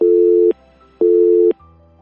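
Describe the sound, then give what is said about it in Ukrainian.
A telephone busy signal as an incoming call fails to connect: two steady, loud tone bursts about half a second each, separated by equal gaps of near-silence, with no voices. “Пробуємо прийняти телефонний дзвінок.”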